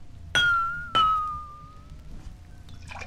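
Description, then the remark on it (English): A water-filled glass, the lowest-pitched of a row of glasses arranged by pitch, is tapped twice, each strike ringing out with a clear, low, sustained tone that slowly fades, with no talking. “Now I'll fill the glass with the lowest pitch, like this.”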